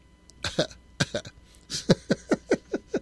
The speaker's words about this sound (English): I think I should have got a drink of water before I came on. I feel like I'm going to cough.